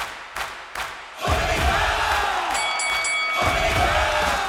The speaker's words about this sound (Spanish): ¡Aplausos!